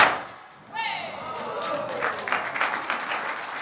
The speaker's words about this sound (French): C'est un truc qui fait beaucoup de bruit, c'est pour ça qu'on l'appelle comme ça, évidemment. Donc, puis-je entendre les pétards? On va essayer de synchroniser. Attention, je vais dire 1, 2, 3, boum, ok? 1, 2, 3.